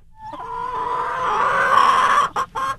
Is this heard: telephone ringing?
no